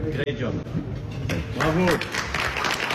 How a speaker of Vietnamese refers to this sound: Một khoảnh khắc trọng đại ở Versailles sớm hơn dự kiến 2 ngày. Tổng thống Mỹ Donald Trump ký vào bản ghi nhớ bên cạnh Tổng thống Pháp và những người khác nhận được tràng vỗ tay tán thưởng.